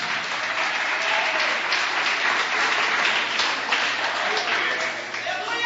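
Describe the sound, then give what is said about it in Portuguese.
An audience at a church service applauding for Jesus, a dense, continuous wash of many hands clapping at an even loudness for several seconds with no voices standing out. “Pode se assentar e aplaudir. As palmas são para Jesus.”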